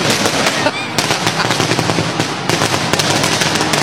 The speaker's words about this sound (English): It's kind of fitting. I think Disneyland's going the same time. That has to be two sets of fireworks.